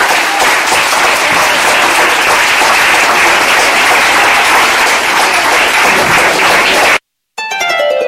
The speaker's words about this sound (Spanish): Y la iglesia del Señor dice: denle fuerte, pero fuerte aplauso al Señor en esta hora.